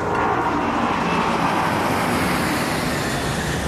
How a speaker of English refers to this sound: I'm sorry. It's just these planes. They're so loud I can't concentrate.